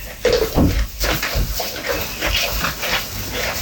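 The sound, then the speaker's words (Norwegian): Goats chewing their cud, with moist rustling and grinding sounds and a faint bell tinkling now and then against a steady outdoor background. “Og det er noen nydelige geiter som bare koser seg. Plinger litt i bjella.”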